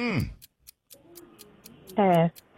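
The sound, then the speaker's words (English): A quiz countdown clock ticks steadily with evenly spaced, crisp clicks. Brief bursts of a voice come in at the start and near the end, and the ticking carries on under them. “Start the clock.”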